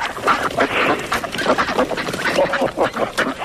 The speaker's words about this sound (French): Vous entendez les canards? Oui, oui. Voilà, nous sommes près de la mare, il y a une cinquantaine de canards.